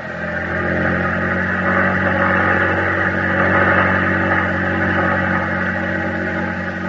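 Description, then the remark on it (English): The engine of a small boat with eight aboard, out on the ocean, runs hard at full throttle, a steady, loud, droning roar with a low harmonic hum that holds constant for the whole stretch, with no voices. “Full throttle! We're almost there.”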